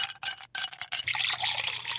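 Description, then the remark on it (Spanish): A drink is poured from a bottle into a glass, a splashy, gurgling stream that starts in short bursts, then runs steadily as the pitch of the filling liquid rises. No voices. “cuando las bachatas de un artista son buenas y dan deseos de beber, usted coge el pote, se sirve un trago, así, por ejemplo, así.”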